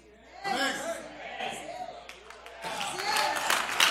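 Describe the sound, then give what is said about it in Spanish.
Crowd applause from a church audience during a pastor's sermon, a steady wash of clapping that swells in the second half, with a voice speaking over the start of it. “Los escépticos desgraciados que no aplaudieron, les voy a dar una.”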